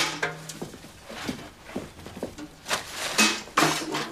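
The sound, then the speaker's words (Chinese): Pots and dishes, including a large pot, crash and clatter in a rapid series of sharp impacts, some ringing briefly with a metallic tone, moderately loud, with no voices. “全砸了。”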